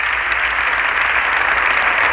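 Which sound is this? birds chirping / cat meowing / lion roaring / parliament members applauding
parliament members applauding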